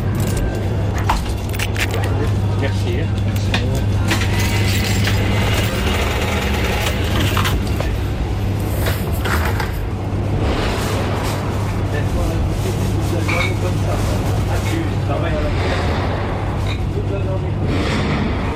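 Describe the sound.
Scattered sharp cracks of gunshots fired into the air at the entrance of a neighbourhood as intimidation break through a dense, noisy scene, with a steady low engine-like hum and people talking throughout.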